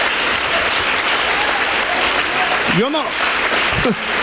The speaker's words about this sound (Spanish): No entendí yo por qué aplauden ustedes. ¿Por qué va a aplaudir su llaga podrida, hermano?